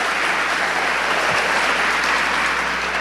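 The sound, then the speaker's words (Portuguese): A crowd breaks into sustained applause, a dense, steady wash of many hands clapping at even loudness for the full few seconds, with no voices rising above it. “Pode aplaudir sem eu pedir?”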